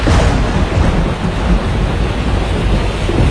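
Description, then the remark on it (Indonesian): A loud, steady roar of heavy rain fills the scene, with deep rumbling thunder rolling underneath throughout, dense with no voices. “menghasilkan awan hujan tebal dan petir.”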